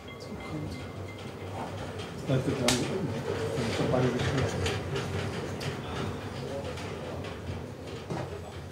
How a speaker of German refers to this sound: Hier kommt, Tender voraus, die Hoja von Asendorf und bringt ihre Fahrgäste wohlbehalten in den Hauptbahnhof zurück.